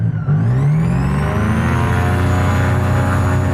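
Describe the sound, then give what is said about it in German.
A small two-seat airplane's engine drones loudly while taxiing to the runway, its steady, rumbling hum climbing slightly in pitch over a few seconds, with no voices. “Beim Führerfahren zur Startpiste rumpelt es recht im Flugzeug.”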